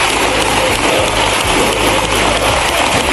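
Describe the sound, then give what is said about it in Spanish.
A parliamentary ovation for a speech, from the Socialist benches, joined by Podemos deputies, part of an ovation lasting a minute and a half: loud, dense, sustained applause from many hands, a steady wash of clapping that neither builds nor fades across the few seconds, with no voices standing out. “Una ovación de minuto y medio en la bancada socialista.”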